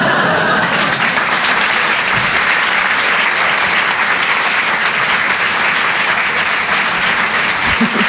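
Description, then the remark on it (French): Loud, sustained applause from a large audience, dense rapid clapping filling the whole stretch at a steady high level without pause, applauding a singer after her live songs. “Un peu d'applaudissement très fort, … sur les chansons en direct et en live.”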